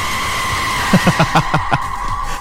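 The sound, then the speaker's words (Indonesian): A chicken clucks in a quick run of about six short, sharp calls, over a steady background hum, with no one talking. “Suara apa? Suara ayam ya.”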